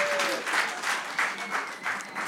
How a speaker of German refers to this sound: Großen Applaus und vielen Dank